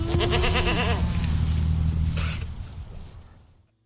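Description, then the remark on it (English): Goats munching on thistle bleat loudly, a wavering cry lasting about a second, followed by low rumbling and rustling that gradually fades to silence. “While climate change and creating a healthy planet is a multifaceted, complex conversation, the Durain goats are doing their part, munching on thistle.”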